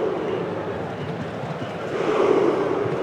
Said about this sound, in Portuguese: E como é legal essa remada da torcida da Noruega, hein?